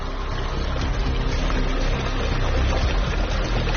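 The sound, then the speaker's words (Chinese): Steady, continuous, fairly loud rush of cold mountain spring water flowing down from the mountains year-round, with an even churning texture that never pauses; villagers channel the water to raise fish. No voices are heard. “来自山上的山泉水常年源源不断，因为山泉水温度很低，所以村民们把水引过来养鱼。”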